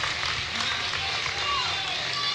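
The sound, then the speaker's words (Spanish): Steady applause from the audience at a band's live show, a dense crackling wash of many hands clapping at once that stays fairly loud and even throughout, with a faint murmur of voices mixed in. “aplausos.”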